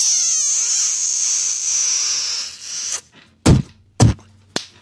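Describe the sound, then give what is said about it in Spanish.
A long, wet, squeaky smooching sound with a shrill sucking tone lasts about three seconds, then three sharp slaps ring out, the last one lighter: a spitty kiss and spank sent on a radio show to listeners Toque Pérez and Ricardo Cureño. “¿Le puedes mandar, por favor, un beso con escupida puerca y nalgada a Toque Pérez y a Ricardo Cureño?”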